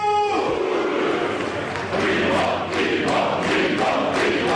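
A large crowd of football fans celebrating their club's championship cheers and roars continuously, a dense, loud wall of voices with rising surges of shouting throughout and no single voice standing out.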